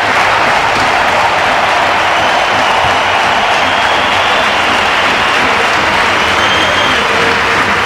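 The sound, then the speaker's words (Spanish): Sustained applause from a large standing stadium crowd at the Bernabéu, applauding Dani Carvajal as he bids farewell to the stadium: a dense, steady wash of clapping that stays loud and even for the whole stretch, with no voices standing out. “También aplaudiendo a Dani Carvajal.”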